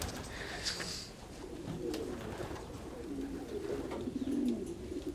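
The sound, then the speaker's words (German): Pigeons coo in low, throaty murmurs, several birds overlapping in a steady rolling burble, with faint higher chirps and outdoor background hiss. “Ich bin eben viel in der Natur und hier bei den Tauben, bei den Tieren und so.”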